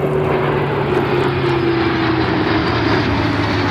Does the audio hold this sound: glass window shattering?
no